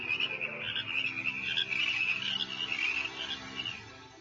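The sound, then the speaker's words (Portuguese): A dense chorus of frogs croaking continuously, many overlapping voices forming a steady, trilling wall of sound that fades slightly at the end, with no talking. “Em todos os lugares, nas ruas, nas casas, nos apartamentos, em todo lugar havia sapos.”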